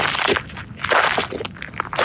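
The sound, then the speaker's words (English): Footsteps crunch across gravel or pebbles in a few uneven, gritty bursts, a loud scraping crackle with each step and no voices. “My mystery sound this hour is someone walking across gravel or pebbles.”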